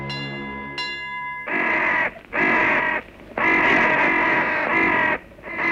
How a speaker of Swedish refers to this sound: Det innehåller bara några få fraser som upprepas. I övrigt består det mest av dova signaler, motorljud och kraxandet från kråkor.